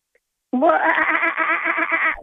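A voice imitates a kookaburra call: a loud, continuous cackling run of rapid, rhythmic pulses, harsh and nasal, lasting nearly two seconds before breaking off.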